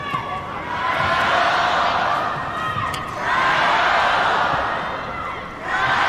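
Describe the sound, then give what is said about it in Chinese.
The crowd at the China Open women's doubles final cheering and chanting in support of Zhang Shuai, a steady loud roar that swells in waves, rising again around the middle and once more near the end. “现场的观众也都在给张帅加油。”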